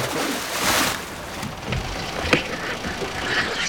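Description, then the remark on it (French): A boat anchor is thrown from a boat into the open sea after the engine is cut, splashing into the water amid steady outdoor wash and wind, followed by a brief sharp clank; no one speaks. “Je vais couper le moteur et plonger le rejoindre. Je jette l'ancre.”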